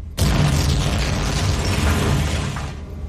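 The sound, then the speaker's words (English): A sudden, violent crash bursts in and becomes a loud, roaring rumble with heavy low booms and rattling debris, holding for nearly three seconds before fading, as a ramshackle shuttle crashes onto a planet. “Knowing it's too late to pull away from the gravity of the planet they're crashing towards, Dirt can only brace for impact.”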